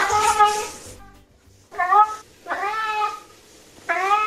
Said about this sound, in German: Gustl miaut einen bekannten Song. Und dafür brauchen wir erstmal sein Maunzen.